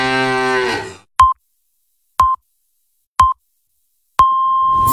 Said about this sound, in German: Finde eine der letzten beiden muhenden Müllermilchflaschen und gewinne 50.000 Euro.